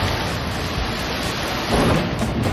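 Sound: thunder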